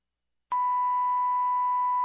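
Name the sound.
dispatch radio alert tone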